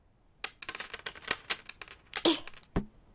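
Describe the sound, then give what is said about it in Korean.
A rapid jumble of metallic clinks and jingles as a handful of coins spills out onto a shop counter to pay for a doll, ending with a final sharp clatter, with no talking. “나도 이제 돈이 있지.”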